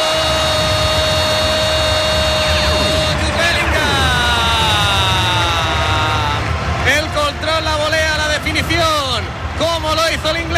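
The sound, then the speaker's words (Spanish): A stadium crowd roars and cheers steadily, a dense wall of noise with droning horn-like tones running through it, while a man's voice talks over the din. Girona supporters in the stands at Montilivi stadium cheer on their team after a goal. “Ahora el Juven Gironi empieza a animar a los suyos.”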